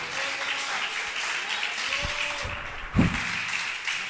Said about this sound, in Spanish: Denle ese aplauso a Jesús en esta mañana.